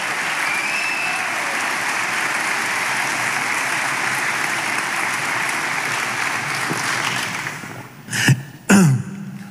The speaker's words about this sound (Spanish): Dele palmas al Señor. Vamos, dele palmas.